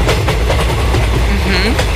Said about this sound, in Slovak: Na 100%, pretože niektorí sa vezú vo vlaku a niektorí čakajú pred vlakom, vieš? No a niektorí ten vlak možno, že aj vedú.